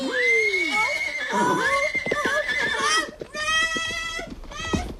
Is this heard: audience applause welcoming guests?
no